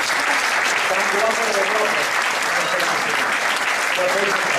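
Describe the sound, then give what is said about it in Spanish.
A crowd applauds six children taking part in Pepinito Leganés 2026, steadily for several seconds, a dense, even wash of clapping with faint voices and cheers mixed in underneath. “Bueno, pues un aplauso para los seis.”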